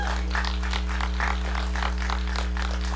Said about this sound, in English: And so I would love right now, if we could, show a round of applause for our appreciation